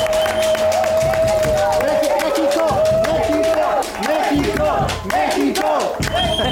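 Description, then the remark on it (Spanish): A small group claps steadily and cheers loudly, with whoops and shouting voices layered over continuous applause, plus a sustained whistle-like tone running through the first few seconds; the applause is for Mexico's national team and its World Cup run. “Sí, y la verdad es que este sueño mundialista merece que le demos unos aplausos a nuestra selección.”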